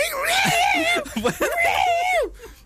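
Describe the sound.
A voice mimics two cats fighting under the trees at the back of a garden, with drawn-out, wavering yowls that rise and bend in pitch, broken by a brief choppy burst before a final long, sliding wail.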